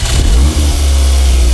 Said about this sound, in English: Gosh. Man, you're revving that engine, aren't you? Get him a nicer car, man.